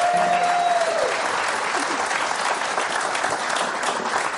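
Steady audience applause, a dense wash of many hands clapping at an even loudness throughout, with a brief tonal note fading out in the first second.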